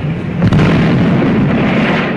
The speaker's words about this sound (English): That sounds a little bit like Bugs Bunny, some of those gunshots.